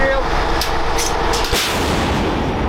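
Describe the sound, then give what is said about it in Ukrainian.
A single heavy shot from a Bohdana self-propelled howitzer cracks out midway through a dense, roaring wall of rumbling noise, the blast loud but quickly swallowed by the continuous din, as the crew fires at a target at the front. “Богдана може бити по цілі за десятки кілометрів.”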